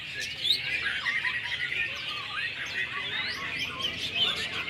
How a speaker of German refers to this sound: Während die Vögel zwitschern, fachsimpeln die Besitzer im Schatten über die perfekte Technik eines echten Meistersängers. Das klingt sehr rau und etwas abgehackt.